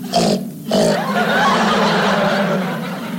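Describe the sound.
A voice imitates a pig with a short snort, a brief pause, then a long, harsh, nasal squealing grunt that holds steady for several seconds before trailing off.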